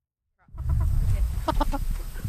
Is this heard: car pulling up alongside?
no